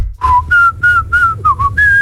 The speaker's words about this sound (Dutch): Ik kan dubbel fluiten. Alsjeblieft. Met twee tonen tegelijk. Dus je hebt eentonig, dat is dan